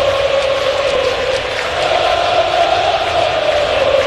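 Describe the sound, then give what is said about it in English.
A large baseball stadium crowd cheers joyously as the Yankees lead 9-0 in a postseason game, a steady, dense roar that holds loud and even throughout, with no single voices standing out and no clear breaks. “Well, the crowd's certainly joyous right now as the Yankees lead 9-0.”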